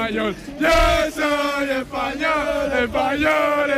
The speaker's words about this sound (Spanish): Pues la fiesta sigue a tope aquí, la gente grita Viva España todo el rato